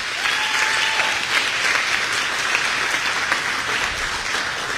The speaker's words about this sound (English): If you can indulge me for just a second, another round of applause for our buildings and grounds team, the unsung heroes of every day here at the Illinois State Fair.